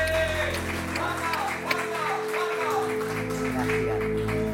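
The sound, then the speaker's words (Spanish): A steady burst of audience applause welcoming a guest fills the whole moment, dense and continuous, mixed with sustained musical tones underneath. “Bueno, un aplauso para”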